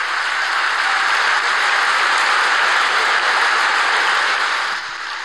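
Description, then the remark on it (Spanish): Sustained crowd applause for Milei after his speech, a dense wash of many hands clapping at steady loudness for about five seconds before easing off slightly at the end. No one speaks over it. “Y ahí lo aplaude, ¿no?”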